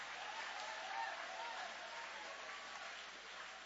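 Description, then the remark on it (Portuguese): A church audience applauding in worship during a service, a dense wash of many hands clapping at once, sustained and fairly even throughout without a break. “Levanta a mão aplaudindo, levante a mão exaltando, levante a mão adorando.”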